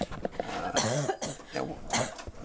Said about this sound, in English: Bad cough there